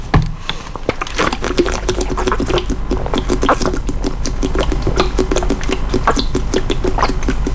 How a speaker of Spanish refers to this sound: Pausa de hidratación. Momento, tiene razón, tengo que tomar agua.